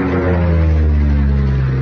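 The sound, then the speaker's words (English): A loud, steady propeller plane engine drones, its deep throbbing hum holding an even pitch throughout the brief moment with no voices. “We own a plane.”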